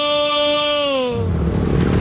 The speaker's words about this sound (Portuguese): Amor, ouviu essa moto? Deve ser um entregador.